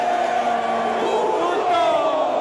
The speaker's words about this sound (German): Das Muster gleicht sich von Stadion zu Stadion. Der gegnerische Torwart bereitet einen Abstoß vor. Der Geräuschpegel der eigenen Fans schwillt an und mündet in einen kollektiven Schrei.